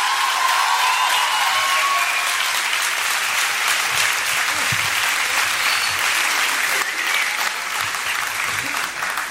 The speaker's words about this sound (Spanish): Más fuerte el aplauso, por favor.